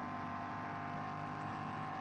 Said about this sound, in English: I'm sure that's the engine noise. It's not quite in sync.